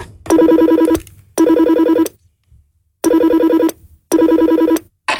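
An old telephone rings on an outgoing call after an old number is dialed: four loud, buzzing ring bursts with short pauses between them, with no one talking.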